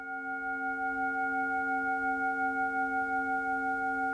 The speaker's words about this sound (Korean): 혹여 울림이 흐트러질까, 누군가 명상에서 깨어날까 염려하며 온 정성을 다해 싱잉볼을 울리는데요.